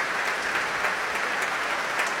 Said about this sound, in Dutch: En daar klinkt het applaus voor Fabio Luisi.